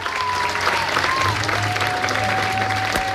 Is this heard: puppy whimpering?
no